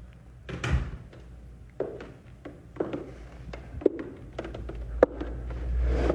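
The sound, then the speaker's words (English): A door is pushed shut with a low thump, followed by a scatter of sharp knocks and clicks, like a latch catching and footsteps shuffling, with room rumble underneath. “Close that door and come back here.”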